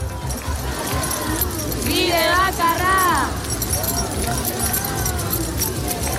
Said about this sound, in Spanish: Ya lo oyen, es el sonido de las llaves del hartazgo por la situación de la vivienda que sigue sacudiendo una ola de indignación por toda España, también en Euskadi.